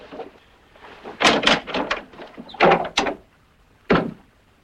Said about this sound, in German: Zunächst werde ich den Riegel an der Tür zuschieben.